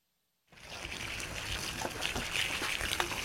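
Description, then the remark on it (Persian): After a brief silence, water starts pouring and trickling steadily onto flowers as a 117-year-old woman waters her courtyard garden in the morning in a village in southern Albania, a continuous splashy hiss with small patters and drips layered through it. “هر صبح گلهای حویلیش را آب می دهد.”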